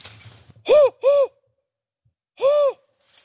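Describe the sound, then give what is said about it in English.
A person imitates a spotted owl's hooting: two quick, loud vocal hoots, a short pause, then a third longer hoot, with breathy, airy edges and no talking. “Oh, so you do actually just do the hooting yourself? For spotted, yes.”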